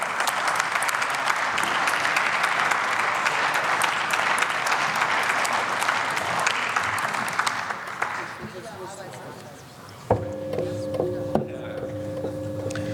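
Loud, steady applause fills a parliamentary chamber after a speech ends and the next speaker, from the AfD parliamentary group, is announced, lasting about eight seconds, then thinning out and fading, leaving quieter tonal hums and a few soft knocks at the end.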